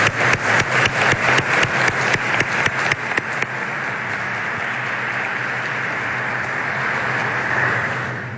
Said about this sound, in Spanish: Qué interesante, doctor. Yo quiero que le brindemos un fuerte aplauso al doctor